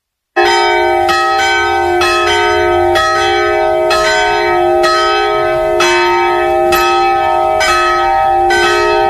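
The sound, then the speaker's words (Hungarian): The noon bells of the Reformed church in Radoscsány ring loudly, with steady strikes about once a second over a sustained, shimmering hum of overlapping tones. No one speaks. “Pontosan déli harangszóra érkeztünk ide a radoscsányi református templomhoz”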